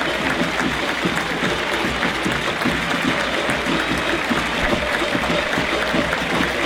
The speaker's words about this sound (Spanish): El aplauso, la ovación, el reconocimiento, todo el fútbol argentino para el seleccionado subcampeón de la última Copa del Mundo.